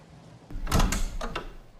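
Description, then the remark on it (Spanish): A heavy wooden door rattles and thumps, with a loud burst of knocking or shoving followed by a second, shorter bang, and no voices. “¡Hace falta romper la puerta!”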